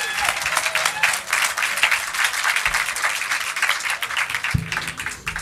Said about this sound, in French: Vous allez voir, ils sont généreux. Merci de les applaudir. Et place à la musique.